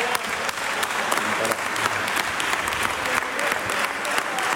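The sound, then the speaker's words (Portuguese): Sustained applause from Chega members in a parliamentary chamber, dense overlapping claps steady and fairly loud throughout, with faint murmuring voices underneath. “As palmas são de Chega.”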